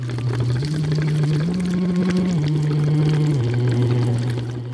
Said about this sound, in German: singt blubbernd durch einen Plastikschlauch in eine mit Wasser gefüllte Flasche.